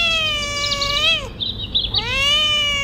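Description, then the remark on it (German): A cat meows, two long, drawn-out, plaintive meows with a short break between them, loud and clear with no voices. “Katzen zum Beispiel.”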